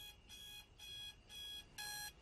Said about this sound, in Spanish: Su despertador dice 3 a.m. y ella lo apaga con un golpe.